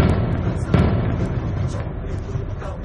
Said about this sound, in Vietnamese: Tiếng la của ai đó từ bên ngoài vọng vào, âm vang chưa kịp dứt, tôi đã nghe tiếng nổ liên tục. Không biết bao nhiêu là trái đạn súng cối 82 ly tới tấp thi nhau nổ.